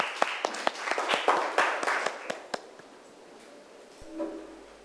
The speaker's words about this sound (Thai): มีตัวแทนแล้วจากกลุ่มที่3ก็ปรบมือดังๆให้เพื่อนของเราหน่อยนะคะ